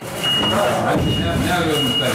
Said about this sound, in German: Es klingt wie auf einer normalen Baustelle. Am Arm eines Gabelstaplers hängt ein Seil mit einem schweren Stein, der langsam in den Boden eingelassen wird.